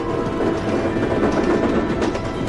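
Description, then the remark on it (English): A moving train rumbles steadily along the rails, a dense, continuous rattling drone that stays loud and even throughout, with faint clattering textures and no voices. “Our view drifts out of the traveling train, then brings us to Harry, Ron, and Hermione's compartment.”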